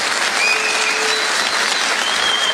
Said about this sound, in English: Nobody clapping knows what he said.